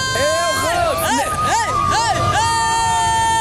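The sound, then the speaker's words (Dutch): A crowd of football fans at the KNVB fan parade, with a bus, cheers and shouts in loud, rising whoops, with excited voices overlapping in a continuous festive roar and a sustained high tone running underneath. “De bus, dit is de grote KNVB fanparade.”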